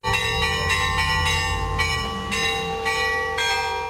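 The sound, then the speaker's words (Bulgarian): Festive church bells of the newly built St. Petka church in the Krivodol village of Glavatsi, Bulgaria, ring out on St. Petka's Day in a steady, repeated peal, each strike about half a second apart, loud and sustained with long overlapping tones and a low rumble underneath. “80 години по-късно празничен камбанен звън отново огласи Главаци.”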